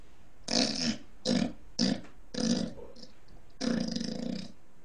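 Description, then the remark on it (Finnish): A person imitates a pig with five harsh, snorting grunts, the last one longer and rattling, fairly loud with short pauses between them. “Sitten tulee sika.”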